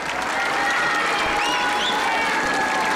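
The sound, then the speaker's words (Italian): A large crowd in the square at Castel Gandolfo greets Pope Leo with continuous, loud applause and cheering, a dense roar of clapping with a few high whistles rising above it throughout. “Restando sulla piazza, pensate, lo dobbiamo far sentire il saluto.”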